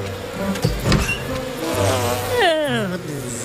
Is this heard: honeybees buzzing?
yes